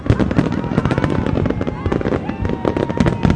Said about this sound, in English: has been coming to fireworks like these since she was a kid, And now she's doing the same with her daughter.